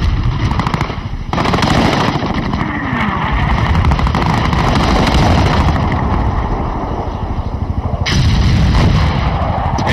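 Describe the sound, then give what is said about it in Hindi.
Rapid bursts of aerial gunfire from Flying Officer Sekhon's plane, shooting down a Pakistani aircraft, rattle over a loud, roaring aircraft engine drone. Dense crackling shots continue through most of the stretch and briefly swell louder in a couple of places. “Flying officer Sekhon ने एक पाकिस्तानी विमान को निशाना बनाकर उड़ा दिया और एक बार फिर अपनी रफ्तार और कलाबाजियों से पाकिस्तानी विमानों को उलझा दिया।”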